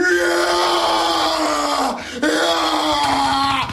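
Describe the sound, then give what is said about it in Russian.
A man imitates a long, strained yell like someone in a gym grinding through a heavy squat, two loud sustained vocal bursts with a brief break between them, alone. “Там не понять, они все орут, смотрите. То есть статуснее это кто гром? Присед недавно слышал, вот это было так.”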